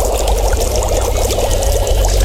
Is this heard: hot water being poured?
yes